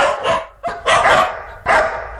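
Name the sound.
dog barking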